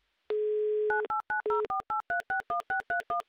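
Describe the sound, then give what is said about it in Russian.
A steady telephone dial tone hums briefly, then a quick run of about a dozen touch-tone dialing beeps follows in rapid, even succession as a phone number in Izhevsk is redialed, clear with no voices. “я повторно набираю номер телефона Александра из Ижевска”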